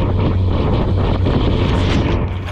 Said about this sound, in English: All right, the Chinese ship has moved within 10 meters of the Philippine boat and is now actually hitting the ship with its water cannon.